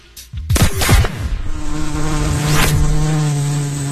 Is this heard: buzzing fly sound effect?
yes